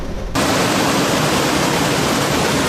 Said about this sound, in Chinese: 强降雨引发洪水，昔日的小河如今变成波涛汹涌的激流。在蒙彼利埃的欧洲滨海大道附近，莱兹河水位已完全漫出河岸，大量树干和树枝被湍急的水流裹挟而下，从沿河的餐厅和道路旁飘过。